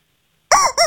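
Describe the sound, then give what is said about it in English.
After a moment of silence, a squeaky rubber chicken toy is squeezed to play a song and lets out two loud, shrill, wavering squawks in quick succession, like the start of a squeezed-out tune. “You get your very own squeaky chicken.”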